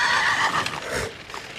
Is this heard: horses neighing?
yes